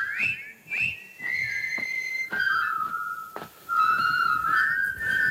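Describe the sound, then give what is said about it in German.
A bright, clear whistled melody from a 1980s TV commercial, in which people on a mountain road start whistling and march up the mountain, plays alone, with sustained and sliding notes in a marching, jingle-like tune and a few short percussive taps underneath. “Und ich kann mich noch genau daran erinnern, ein Berg mit einer Straße und plötzlich fangen die da an zu pfeifen und marschieren den Berg darauf.”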